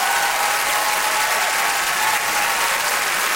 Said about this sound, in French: qu'on applaudit.